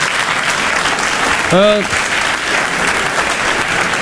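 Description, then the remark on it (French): A crowd applauds steadily throughout, a dense, even wash of clapping, with one brief shout or whoop rising above it partway through. “Le public, il applaudit.”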